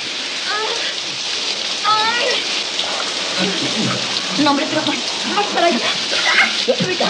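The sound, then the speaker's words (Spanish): Shower water sprays in a steady hiss throughout, with a voice talking over the continuous rush of falling water. “El agua le cae en la cara.”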